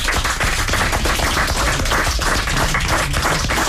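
Sustained audience applause, a dense wash of many hands clapping at a steady loud level throughout, with no voices rising above it.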